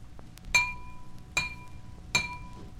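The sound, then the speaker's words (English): A water-filled drinking glass is tapped three times at a steady pace, each strike giving a bright clink followed by a clear, sustained ringing tone that slowly fades. “The greater heaviness or density makes the glass vibrate more slowly, and slower vibrations mean lower pitch.”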